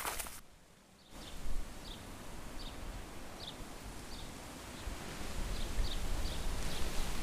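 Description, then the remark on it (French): Wind rustles steadily through the leaves of a pear tree in a soft, continuous hiss, with faint, regularly spaced high chirps and no voices. “Dans nos oreilles, des sons minuscules, le vent dans les feuilles du poirier.”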